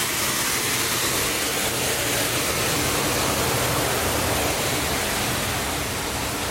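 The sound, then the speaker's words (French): Steady ambience on a ship's forward mooring deck with large coiled winches: a constant low engine rumble beneath a broad rushing wash of noise, unbroken and fairly loud throughout, with no voices. “La plage de manœuvre. Où il y a des gros treuils qui sont enroulés.”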